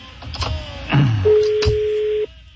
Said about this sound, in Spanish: Ah, está sonando el teléfono.